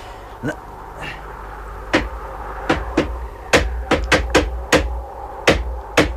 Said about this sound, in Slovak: Vrchný pánt máte otrhnutý, preto nedržia. Pribíjam doň klinčeky, pribíjam, ale sú malé. Hneď ich vietor vytrhne. Nože, dajte sem to kladivo. Mám iba jeden klinec, ale ten iste pán udrží.